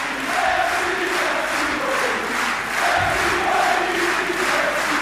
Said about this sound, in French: Écoutez le public, l'ovation du public.